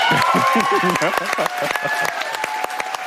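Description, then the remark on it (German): A large audience in the ORF-Landestheater in Klagenfurt applauds with dense, sustained clapping at the announcement of the Ingeborg Bachmann Prize winner, and cheers and whoops rise above it. A voice speaks over the ovation throughout. “Großer Jubel brach sich im Klagenfurter ORF-Landestheater Bahn bei Bekanntgabe des mit 30.000 Euro dotierten Ingeborg-Bachmann-Preises”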